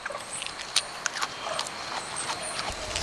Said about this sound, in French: On dirait un animal qui grignote des feuilles. C'est un koala.